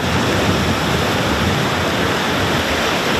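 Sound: waves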